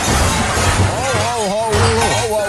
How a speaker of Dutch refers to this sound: Oh, dat gaat hier niet goed. Er rijdt net een auto bij ons tegen. Die meneer die rijdt de puin eruit.